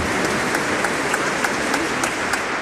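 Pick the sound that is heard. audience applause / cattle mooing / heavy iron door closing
audience applause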